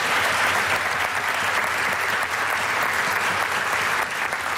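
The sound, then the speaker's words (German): Sustained audience applause for a Low German (Plattdeutsch) language group, a dense, steady wash of many hands clapping at an even loudness for several seconds, with no voices standing out. “Das ist nur der große Applaus für den Token von der Plattdütschen Sprache.”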